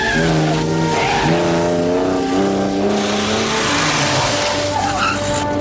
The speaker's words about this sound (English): The agent spots the woman getting into his car. The other assailant hurls himself at Bond, but Bond throws him into a fishing net where he gets trapped. The woman speeds off in Bond's car.